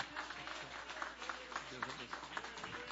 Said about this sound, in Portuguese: com aquele aplauso bem forte para Jesus, bem alegre.